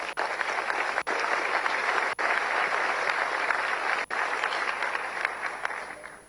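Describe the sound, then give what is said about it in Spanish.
An audience claps steadily for about six seconds, a dense, even patter of many hands with no voices, in tribute to the nation's first lady's office and another institution. The clapping holds at a fairly loud level and fades only slightly at the end. “Y a ellos dos un aplauso, por favor.”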